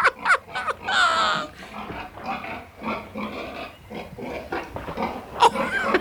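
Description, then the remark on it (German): Pigs grunt and squeal in a busy, overlapping stream of snorts as sows wallow in mud, with a louder squealing burst near the start and more sharp squeals toward the end, continuous. “Ich finde nun mal die Ringelschwänze der Schweine niedlich und die komischen Geräusche, die die Schweine machen.”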